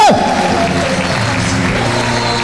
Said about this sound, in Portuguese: Aplauda o nome do Senhor Jesus de Nazaré.